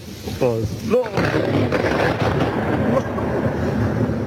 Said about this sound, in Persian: و اینجا هم صدای هیبتناک سایقه در ولایت هرات.